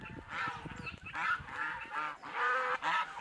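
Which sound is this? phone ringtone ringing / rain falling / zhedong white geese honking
zhedong white geese honking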